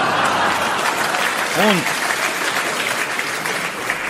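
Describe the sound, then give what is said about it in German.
Loud, sustained applause from a large theatre audience in Toggenburg fills the whole stretch, a dense steady roar of clapping, with a brief voice-like cheer rising through it midway. “So etwas von donnerndem Applaus gab's in Toggenburg zum ersten Mal.”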